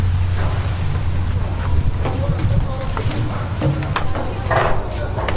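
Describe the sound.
A boat at sea crossing to the island of Santo Antão, Cape Verde: a steady low engine drone under constant rushing wind and water noise, with occasional knocks and faint voices in the background.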